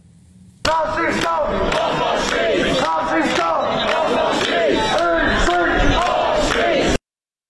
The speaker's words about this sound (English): Around 200 people gathered to protest against Tommy Robinson, and many were seen wearing Antifa logos and slogans, masks and Palestinian scarves, shouting things like stop the far right and racist scum off our streets.